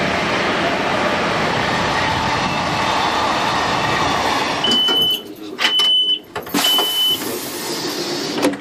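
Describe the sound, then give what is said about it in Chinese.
A passenger train on the Qinghai-Tibet Railway in China, reaching Golmud station, rumbles steadily along the tracks, a broad continuous roar that breaks near the end into sharp metallic clanks and brief high squeals before the rumble resumes. “4:24的时候呢，我们来到了整个青藏铁路线上非常重要的一个火车站点，就是格尔木火车站。”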